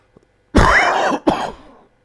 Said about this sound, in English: Oh, sorry, I thought I pressed the cough button. Apologise. I know that annoys someone and people.